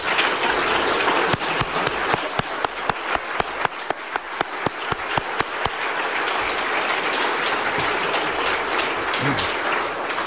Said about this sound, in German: Und dafür schlage ich euch ein, dass wir ihm und denen, die das mittragen, einen ordentlichen Applaus geben.